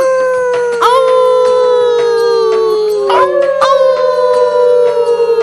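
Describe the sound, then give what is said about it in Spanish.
Several voices howl together in long, sustained wolf-like wails, pitches gliding and overlapping loudly, imitating a wolf pack's howl rather than real animals, showing Sabu how to howl like a wolf. “Todos los lobos aullan, incluyendo los de la pradera.”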